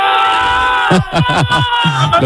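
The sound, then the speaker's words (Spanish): Fans in Elda shout and cheer for Lens, a loud crowd breaking into a rhythmic chant of several punchy, falling shouts over a steady droning background of noise. “Unos gritos animando al Lens.”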